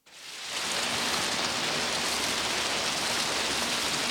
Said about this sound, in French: Et elle chercha dans le jardin tous les endroits où les gouttes de pluie tombaient le plus fort.